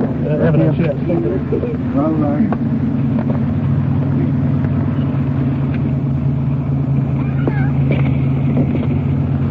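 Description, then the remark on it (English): A car engine rumbles steadily throughout, a low continuous drone as the car moves slowly, being pulled up against the curb out of the middle of the street, with muffled voices talking briefly over it. “Why don't you pull it up against the curb and get out of the middle of the street?”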